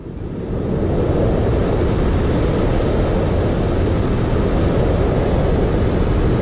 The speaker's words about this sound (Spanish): Este es uno de los ruidos blancos más frecuentes que encontramos si hacemos una búsqueda en internet o en cualquier plataforma musical como Spotify.